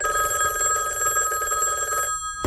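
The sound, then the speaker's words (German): A telephone bell rings loudly and continuously, a bright, buzzing metallic trill with steady high tones, stopping abruptly near the end with a short clunk as the receiver is picked up. “Nimm du doch den Hörer ab, wenn dich das interessiert!”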